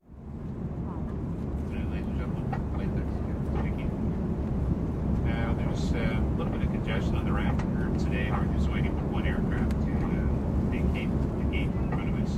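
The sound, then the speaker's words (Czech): A steady, loud low drone of an airplane cabin fills the whole clip without letting up, while people talk over the constant engine hum. “Příběhy jsou tak laděné i do tematického prostředí, jako je doma či v letadle.”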